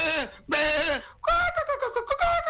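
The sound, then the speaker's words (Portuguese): Three loud, wavering goat bleats follow one another, each a quavering, nasal cry with a shaky pitch, the last ones breaking into choppy pulses. “Cadê o bode? Ô, cabra!”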